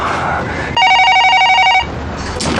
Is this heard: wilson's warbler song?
no